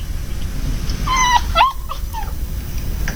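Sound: puppy whimpering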